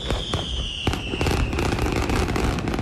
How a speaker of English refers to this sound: And it was billed as the largest fireworks show in state history, and it did not disappoint.